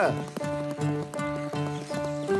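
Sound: horse galloping and neighing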